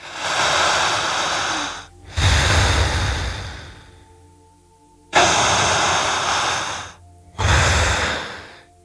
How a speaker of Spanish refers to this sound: Si tienen a alguien en estado hipnótico a su lado, no la toquen, no lo toquen. Solo siga respirando exactamente igual que yo. Escuche el sonido que emite su respiración.